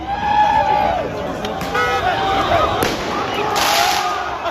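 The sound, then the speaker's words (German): Several sharp firecracker bangs and crackling bursts go off at uneven intervals over a loud, continuous street crowd hubbub, with scattered horn-like tones from cars and scooters honking through the crowd. The firecrackers are set off in narrow side streets, with fireworks over the rooftops. “In engen Seitenstraßen werden Böller gezündet, Feuerwerke glitzern über den Häuserdächern”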